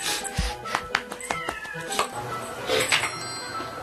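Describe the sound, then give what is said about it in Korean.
A stray cat that visits a home every day meows several times in short, rising cries, with a longer drawn-out meow near the end, amid light background noise and faint human voices. “길고양이들이지만 매일 얼굴 보는 사이다 보니 정이 들었다는데요.”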